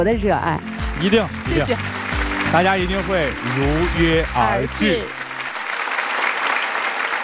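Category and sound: crowd, applause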